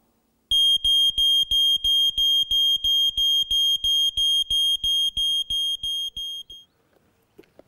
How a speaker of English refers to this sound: As an extra tip, it's good to have one of these put in your home. This is a smoke alarm.